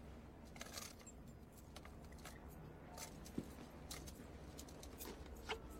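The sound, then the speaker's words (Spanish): Keys jingle and clink in a series of short, scattered metallic bursts over several seconds as they are handed over, fairly quiet, with a steady low background hum and no talking. “Le da las llaves.”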